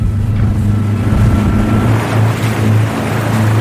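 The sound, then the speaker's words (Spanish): A boat engine drones steadily and loudly on a short trip out to a salmon farm about 1,200 metres off the beach, its low hum holding constant while wind and splashing water wash over it. “Vamos a estar alrededor de 5 o 6 minutos, más o menos 1.200 metros de la orilla de playa del centro cultivo.”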